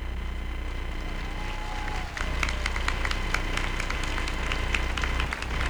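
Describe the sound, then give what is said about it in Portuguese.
A large church audience applauds Padre Natel, a priest, in a steady, dense wash of clapping with sharper individual claps standing out after the first couple of seconds, sustained and fairly loud throughout. “E eu gostaria também, minha gente, de pé, por favor, essas palmas agora vai para o Senhor, Padre Natel.”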